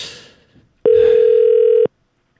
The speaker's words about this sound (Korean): 자, 전화를 드려보도록 하겠습니다. 갑니다.